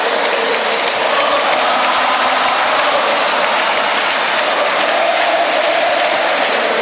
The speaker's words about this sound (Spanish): El grito de Ota, Ota, escuchen.